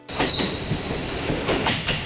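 A 7 o'clock night train arrives at a station, its wheels clacking over rail joints in a steady rhythm under a constant rumble, with a thin high squeal of brakes or wheels on top.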